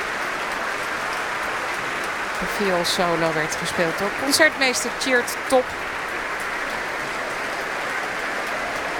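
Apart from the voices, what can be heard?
concert audience applause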